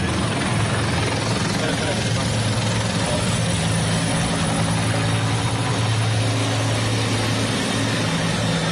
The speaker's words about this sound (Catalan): El ministre que atura un moment la seva intervenció pel pas dels helicòpters, dels mitjans aèris, dels bombers, i ara de seguida la reprèn.